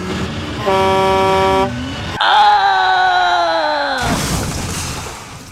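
Two loud car horn blasts sound in a traffic jam, one steady honk followed by a longer, slightly falling blare, with the hum of traffic underneath.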